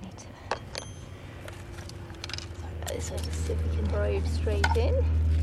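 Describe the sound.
Gritty scraping and crunching as a skewer is pushed into soil to make a hole for a probe, with several sharp scratches early on, then a steady low rumble building while faint voices murmur in the background.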